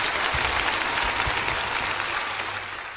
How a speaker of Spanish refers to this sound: Esos aplausos en la apertura de nuestro programa eran para la cantante española …, una jovencísima saxofonista, trompetista y gran cantante de jazz, junto con el quinteto de su maestro …